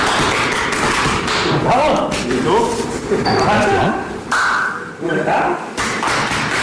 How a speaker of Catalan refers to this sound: De fet, els cops aquests que escolteu no és que estiguin apallissant a ningú, és que, com ja sabeu, per mantenir la seva masculinitat ferma s'han de pegar molt fort l'un a l'altre quan s'abracen a l'esquena